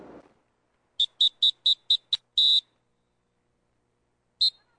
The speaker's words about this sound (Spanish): Si estás en las playas de Acapulco y escuchas este silbato, ponte alerta, es un aviso de los guardavidas.